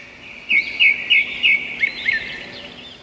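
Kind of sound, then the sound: bird, bird song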